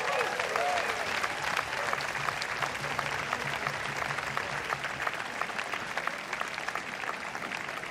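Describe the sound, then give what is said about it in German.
Sustained audience applause at a band concert for a musician who stepped in at short notice fills the whole stretch, a dense steady patter of many hands clapping at even loudness, with faint crowd murmur underneath. “Ganz herzlichen Applaus für Sandro.”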